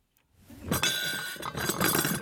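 Porcelain dishes clink and rattle as they are set down, a few bright ringing knocks over about two seconds, fairly loud, with no talking.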